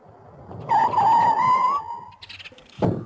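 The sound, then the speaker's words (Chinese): A car rolls up and brakes with a loud, drawn-out squeal lasting about a second, followed by a brief pause and a short, heavy thump at the end, arriving at a military base on the outskirts of Beijing. “他刚刚到达，就立刻被等候在那儿的工作人员开车送到了北京郊区的某军事基地。”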